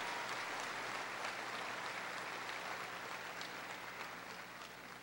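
An audience applauds for Jesus Christ steadily, a dense wash of clapping that holds at an even level for about five seconds and tapers slightly at the end, with no voices over it.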